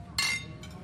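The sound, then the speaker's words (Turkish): A single bright clink of glasses touching in a toast rings out, its high shimmer trailing off over a low murmur of background noise. “Şerefe.”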